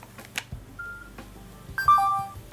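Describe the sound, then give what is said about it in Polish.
A phone in sound mode plays its notification tone on being unplugged from charging from a power bank: a faint short beep, then a brighter, quick falling run of electronic tones, with no talking. “Wyłączam telefon z ładowania.”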